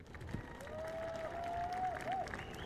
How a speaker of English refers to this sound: Ladies and gentlemen, we will have the champagne going any second now, but first of all, once again, from number 10, Peter Hickman, number 3, Dean Harrison, and your race winner, Michael Dunlop, a final round of applause, please.